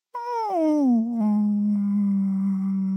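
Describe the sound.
A person's voice imitates a whale call: a loud, sustained moan that slides down in pitch over about a second, then holds a steady low hum for two more seconds.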